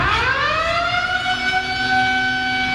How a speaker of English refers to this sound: So you can still drop your weights, but they have to be like a slamming to the ground type of drop in your weights. And if you're grunting too loud, the Lunk Alarm will go off.